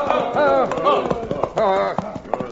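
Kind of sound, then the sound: animal, horse hooves clip-clopping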